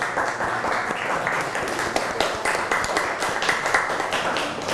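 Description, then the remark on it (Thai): A group of students clap for themselves after growing seed sprouts, a steady, dense burst of applause lasting several seconds, with many overlapping hand claps and no voices standing out. “เราก็จะได้ต้นอ่อนเมล็ดงอกที่เพาะด้วยฝีมือใครนะฝีมือใครลูกฝีมือนักเรียนเองนะคะเก่งมากเลยปรบมือให้ตัวเองก่อน”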